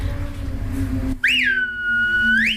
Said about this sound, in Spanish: Pero sí es verdad que, no sé por qué, aprendí a silbar así, ¿eh? Con toda la mano en la boca, pero siempre me pareció más chulo. Yo silbo con estos dos, corazón y anular son estos.